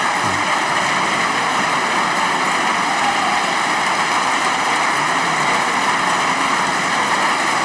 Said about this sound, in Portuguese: Longo aplauso das bancadas, sobretudo à esquerda.